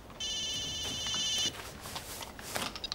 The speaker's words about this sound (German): Immer wenn's brenzlig für ihn wird, dann klingelt's Telefon.